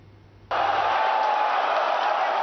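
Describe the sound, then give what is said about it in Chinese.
After a short quiet moment, a loud roar of cheering football fans erupts suddenly and holds steady as a dense wall of crowd noise, as fans watch a 2026 World Cup match broadcast on a 430-inch TV at a Hong Kong shopping mall. “球迷的欢呼声，穿上球衣的爱宠狗狗，430寸大电视直播赛事。”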